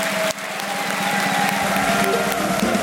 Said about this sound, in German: Und jetzt bitten wir mit einem frenetischen Applaus alle Gäste nochmal auf der Bühne, die da waren.